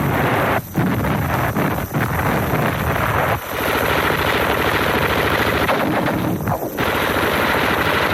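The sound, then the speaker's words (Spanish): Machine guns on the coastal cliffs of western Europe rattle in long, dense bursts against the first assault troops at dawn on 6 June, loud, with brief gaps between volleys and a constant rumbling roar underneath, like a heavy battle soundscape. “Tabletean las ametralladoras en las escarpaduras de la costa contra los primeros asaltantes de la fortaleza europea.”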